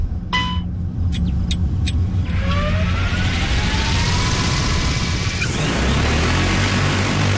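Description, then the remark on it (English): A few sharp clicks, then the motors of an agricultural spray drone whine and spin up as it takes off over a field, spraying water as a demonstration; the pitch climbs steadily into a loud, steady rushing roar over a low rumble. “only spraying water to demonstrate what the drone can do.”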